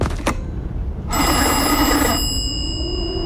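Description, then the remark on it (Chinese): A telephone bell rings in a single loud, metallic burst lasting about a second, then its shimmering tone lingers and fades. A couple of sharp clicks come just before, and nobody speaks. “给气象站再打个电话。”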